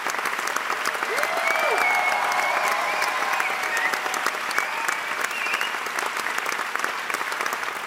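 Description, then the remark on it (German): A theatre audience applauds Robert Wilson's staging of Shakespeare's The Tempest steadily, a dense wash of clapping hands that holds at an even, fairly loud level throughout, with a few faint whoops or voices rising over it. “Von Robert Wilson wiederum wurde seine Version von Shakespeares The Tempest, also der Sturm, auf die Bühne gebracht. Und mit viel Applaus bedacht.”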